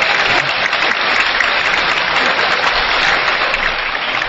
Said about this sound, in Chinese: 快给我鼓掌好。 一起， 快给我 鼓掌好。